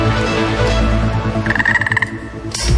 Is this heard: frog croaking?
yes